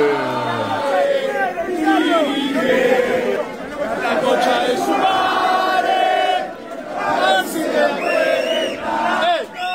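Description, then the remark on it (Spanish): River football fans shout and chant together in a hall after a match, also calling for Ramón, a dense, loud wall of raised voices with overlapping wavering cries that swell and dip without pause. “¿Y qué más gritan los del hall?”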